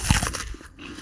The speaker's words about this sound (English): Or the first bite of a Honeycrisp apple.